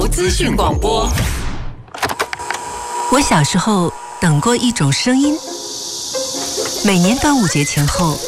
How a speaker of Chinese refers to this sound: 我小时候等过一种声音，每年端午节前后第一声蝉鸣，听到那一刻就知道夏天真的来了。阳光透过树叶，空气里都是热腾腾的感觉。